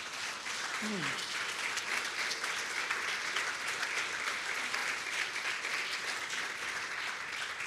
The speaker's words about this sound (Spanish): Vamos, hay alguien que me está entendiendo, por favor aplauda al Señor.